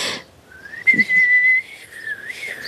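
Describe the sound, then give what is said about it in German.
A person whistles a single sustained tone through pursed lips instead of blowing on an injury, holding a steady pitch for about a second before it wavers and trails off, fairly loud with no talking. “Das war nicht gepustet, das war gepfiffen.”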